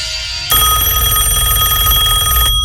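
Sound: telephone ringing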